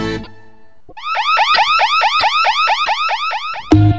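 A loud electronic security alarm wails in rapid, repeating rising whoops, about a dozen quick cycles, steady, then cuts off abruptly as another tone begins.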